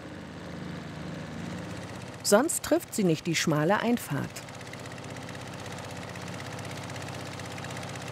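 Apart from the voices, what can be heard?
motorboat engine running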